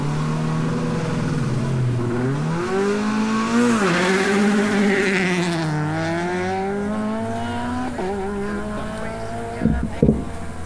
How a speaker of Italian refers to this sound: l'ultima Peugeot 208 della Rally 4.